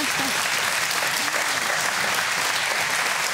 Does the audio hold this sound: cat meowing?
no